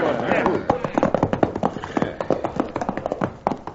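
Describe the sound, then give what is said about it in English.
Several horses' hooves clatter in a quick, uneven patter, the beats continuing as the riders slow to a halt, with voices calling out over the hoofbeats. “we're running these horses to death and getting no play.”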